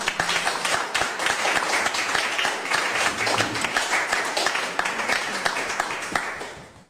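At a literary reading, an audience applauds to welcome an author whose first novel is being presented. A dense wash of many hands claps at an even, sustained level for several seconds before tapering off quickly at the end.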